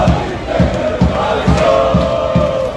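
A crowd of Croatian national team football fans at the Philadelphia Eagles' NFL stadium chants in unison, voices swelling and falling over a steady, rhythmic pulse of low thumps roughly every half second, loud and continuous throughout.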